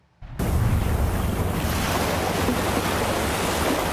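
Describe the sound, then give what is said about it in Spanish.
Loud, continuous roar of Pacific Ocean surf breaking on the coast of Guatemala as storm Cristina makes the sea overflow, starting abruptly after a brief silence and holding steady, with a blustery wind-like rush and no voices. “el mar se desbordó y destruyó casas y hoteles en el Pacífico”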